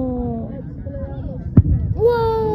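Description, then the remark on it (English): A single sharp firework bang cuts through a rumbling, crackly background, followed by a rising whistle as another shell climbs. The burst is loud amid steady, layered noise. “Last night, fireworks.”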